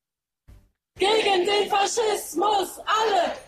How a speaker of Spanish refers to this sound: Pues sí, a estas horas se están manifestando en Berlín miles de ciudadanos contra la ultraderecha tras su triunfo en las elecciones de Sajonia-Anhalt.